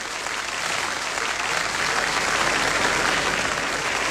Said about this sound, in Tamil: ஒரு பலத்த கைத்தட்டல் கொடுத்துடலாம்.